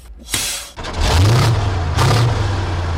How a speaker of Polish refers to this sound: Ten pojazd ma specjalną konstrukcję i zawieszenia, i konstrukcję podwozia. To jest Leopard 2A5, stosowany w naszej armii. Silnik 7,2 litra, 8-cylindrowy, Caterpillara.